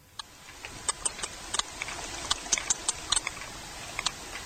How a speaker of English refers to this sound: Also on the Newsroom, whales have regional dialects. But is this sperm whale from the east side of the Mediterranean or the west?